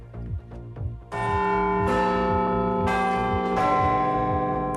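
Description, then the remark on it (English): Big Ben's clock bell chimes four deep, resonant strikes about a second apart, each ringing on with a long shimmering overtone, over a soft low rhythmic pulse and no talking. “And the Big Ben is said to have a new keeper. We'll bring you inside the world's most famous clock and its mechanisms.”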